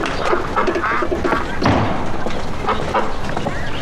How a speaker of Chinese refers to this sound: 这鸭子都瘦了，圈在里边出不来，难受，能不瘦吗？ 二鸭， 哎呀，爷爷，哎，这是喂鸭子呢。嗯嗯， 吃饭，过来过来。